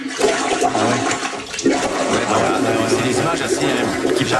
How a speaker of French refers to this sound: Grosse pluie, là, ça déborde. Les gens filment leur bol. Écoutez bien le son, c'est impressionnant. C'est le retour d'eau.